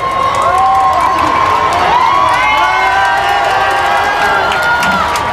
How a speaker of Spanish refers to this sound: finalmente en el fondo de la calle Goya aparecía ese papamóvil blanco con el papa a bordo y toda la calle Goya ha saltado en un grito de explosión. Escuchamos, mira, este momento, cómo ha sido.